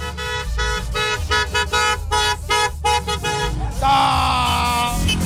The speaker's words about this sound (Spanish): Todo el mundo accionando claxon aquí en San Roque y prolongación.